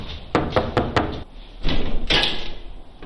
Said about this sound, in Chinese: 敲门的时候门也是开着的，虚掩着的，没有锁，然后我们就推门进去了。